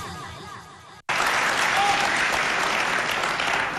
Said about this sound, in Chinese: 观众啊，对演员鼓掌欢迎，哎，我们上台鞠躬，嗯，这也是咱们和谐社会的一种具体表现。